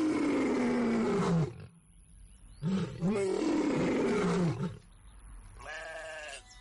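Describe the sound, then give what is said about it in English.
A lion roars loudly in three long, rough bursts, with a short pause after the first and a growling, throaty tone throughout, no voices present. “The lion was strong, fierce, and very hungry.”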